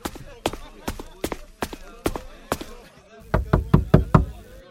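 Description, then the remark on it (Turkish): Sharp knocks on the door of a room upstairs, first a steady series of about eight raps, then a louder, quicker burst of five heavier bangs, with faint voice traces in between. “Aç kapıyı Marika. Seninle konuşmak istiyorum.”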